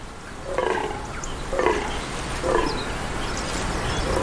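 A male deer's mating call in a forest, calling to attract nearby females: three hoarse, grunting bellows about a second apart, moderately loud against a steady hiss of background noise, with no voices.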